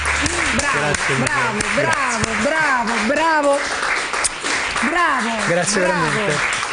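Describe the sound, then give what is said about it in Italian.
A studio audience claps steadily throughout as actor Dario Aita arrives as a guest, a dense, continuous patter, while a loud, animated voice talks over the applause. “Ci sono dei momenti in cui, quando arriva un ospite in studio, si è legittimati allo spellamento delle mani da applausi.”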